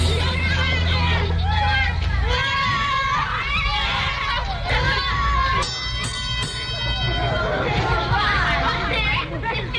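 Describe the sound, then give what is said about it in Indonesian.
Children playing and joking together happily, a lively babble of many young voices chattering and calling out at once over a steady low rumble, continuous and fairly loud throughout. “Mereka bersama-sama bermain dan bersenda gurau dengan riang.”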